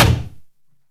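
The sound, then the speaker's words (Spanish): A door shuts with a single heavy thunk, its low boom fading within half a second, followed by a faint soft rumble and then silence. No one speaks. “Cierra la puerta”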